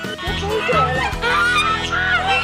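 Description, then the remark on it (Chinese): A dense chorus of fully grown, plump white geese honking continuously and loudly, overlapping calls, with a voice faintly mixed in beneath the flock. “鹅都长大了，越长越大。”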